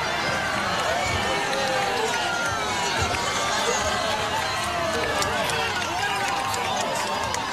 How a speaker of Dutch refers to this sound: Mensen juichen, ze houden elkaar ook eventjes vast, zie ik.